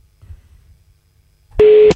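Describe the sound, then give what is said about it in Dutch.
A single loud telephone tone, a special ringtone as a call is placed, sounds for about a third of a second, a steady electronic beep that follows a quiet stretch of faint low background rumble. “Oeh, speciale beltoon.”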